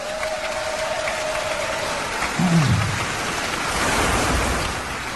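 A festival audience applauds the festival's organizer, clapping steadily throughout, a dense wash of many hands that swells slightly toward the end, with a faint steady tone at the start and a brief low thump midway.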